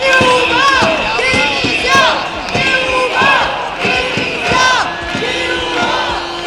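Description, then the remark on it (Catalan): A crowd of protesters in a march, where it reached and blocked Carrer de Jaume I, chants slogans in unison, loud voices rising and falling in a steady rhythmic cadence, with sharp claps or bangs punctuating the chanting throughout. “En aquests punts s'hi han sentit crits com menys polítics, policia, més educació, lluitant, també estem educant, o alguns com aquest.”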